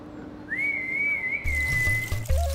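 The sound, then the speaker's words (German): An animal keeper whistles to call an animal: one long, steady, high note, held for nearly two seconds over a hiss of background noise, with a few low bumps near the end. “Man muss laut rufen und gut pfeifen können.”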